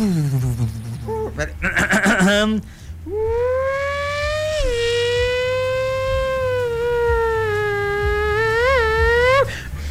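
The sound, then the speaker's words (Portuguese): A high, thin Formula 1 engine whine, buzzing like a mosquito, holds steady and loud for several seconds after a brief, rougher burst of sound at the start. “Vamos falar, então, agora de Fórmula 1? Deixa eu ligar os motores.”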